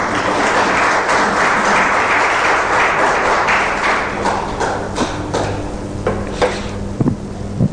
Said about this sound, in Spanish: A ver, los separados para el Señor, un fuerte aplauso, por favor.